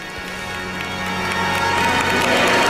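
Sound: crowd applause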